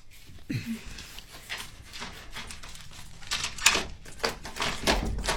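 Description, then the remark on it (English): A front door is opened, with a sequence of soft clicks, rattles and rustling handling noises over several seconds and no voices. “Close the door.”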